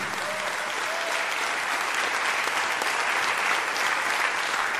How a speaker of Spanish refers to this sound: Si le va a aplaudir, aplaude al Señor todos con el corazón. Aleluya.